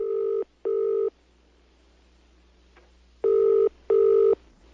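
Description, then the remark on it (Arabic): Two pairs of telephone ringing tones, each a steady electronic double burst, separated by a short pause of near silence; clear and fairly loud with no talking, in the jingle of the program "Question on the Phone" on the Holy Quran radio station from Hadramout. “سؤال على الهاتف.”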